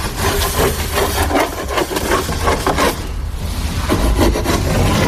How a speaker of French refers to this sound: que vous êtes en train de couper, de scier? Pour la planche de bordée pour le bateau. C'est remonté. Le début de la remontée. Voilà, oui, c'est la première planche de remontée.